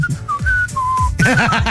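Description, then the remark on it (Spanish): Someone whistles a short tune: a few clear sustained notes that step between pitches, then a wobbly, warbling stretch at the end that sounds altered by an audio filter that adapts to the whistling. “el filtro aparte se adapta a cuando silbas, como que tiene su chiste, el hecho de ir construyendo.”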